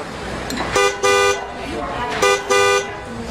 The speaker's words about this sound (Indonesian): Waduh, keras sekali sih klaksonnya. Walah, mobilmu menghalangi mobil tetanggaku.